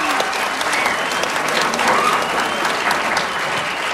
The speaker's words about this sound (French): Applaudissez-les fort, s'il vous plaît. C'est pas facile.